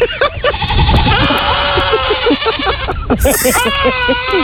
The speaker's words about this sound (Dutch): Ze krijgen af en toe een kick en dan doen ze dat. Dan gillen ze. Dit is dus een compilatievideo van allemaal gillende geiten. Moet je even luisteren.